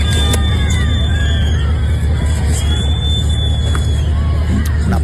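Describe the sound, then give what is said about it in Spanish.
A large outdoor crowd in Cádiz whistles and shouts "fuera" (out) in protest at minister Marlaska during a parade for the patron saint of the Guardia Civil, shrill whistles rising and falling over a dense, continuous roar of voices and low rumbling background noise. “Un Marlaska que fue recibido ayer, por cierto, con silbidos y con gritos de fuera en Cádiz, donde se celebró un desfile con motivo de la patrona de la Guardia Civil.”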